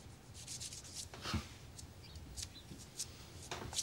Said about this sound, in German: Ich kann mich nicht konzentrieren bei deinem Gefeile.